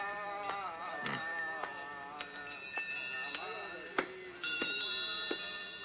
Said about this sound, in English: Welcome to the shop of a thousand bells.